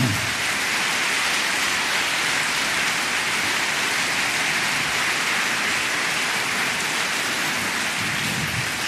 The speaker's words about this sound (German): Wir haben wirklich das Unmögliche möglich gemacht, sodass wir eine super schöne Beleuchtung haben heute Abend. Und das verdient auch wirklich einen großen Applaus.